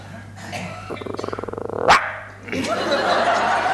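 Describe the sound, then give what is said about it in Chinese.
A person's voice imitates a small dog's yappy barking in a fast run of short, rhythmic yips that end in a sharp higher yelp, followed by a brief murmur of talking. “不是你这小狗叫唤干嘛呀？”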